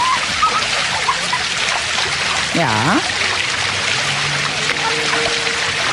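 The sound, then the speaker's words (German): Steady splashing and trickling water from a mobile play fountain water playground set up on the Kochbrunnenplatz, dense and continuous across the whole clip, with a brief voice speaking near the middle over the spray. “Ja, und so ähnlich klingt es ja gestern wieder auf dem Kochbrunnenplatz. Da ist nämlich der mobile Wasserspielplatz aufgebaut worden.”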